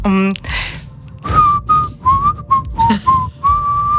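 A short melody played on a small whistle pipe: a quick run of clear, pure notes rising and falling, fairly loud, just after a brief vocal sound at the start.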